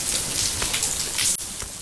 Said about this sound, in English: And that's really interesting from both a listening perspective. It's interesting to be able to tell that that's a baby fish making that noise.